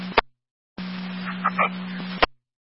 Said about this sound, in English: Okay, Fire Control, super cold, second set of tones for your EMS call. Sorry, can you use any additional tones for Medic 5 to respond to the scene of the circle to the EMS call?